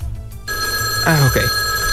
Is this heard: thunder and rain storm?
no